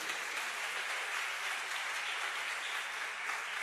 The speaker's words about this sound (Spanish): ¿Puedes aplaudir? Yo vi que querías aplaudir. Aplaude al Señor.